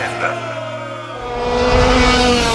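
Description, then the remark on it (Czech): A go-kart engine revs on the Karting Centar Jagodina race track in Jagodina, a buzzing, harmonic whine that holds steady and then swells louder and rougher as the kart accelerates. “Preporučujemo karting stazu Karting centra Jagodina, jer zabava je ove godine na točkovima naših vozila.”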